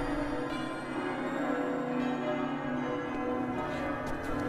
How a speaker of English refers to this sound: Oh, listen to the church bells. They're beautiful.